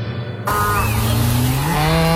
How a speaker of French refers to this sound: Ça, c'est un bruit qu'on connaît bien chez Alsace-Lait. Une vache, oui, qui donne du bon lait de pâturage d'Alsace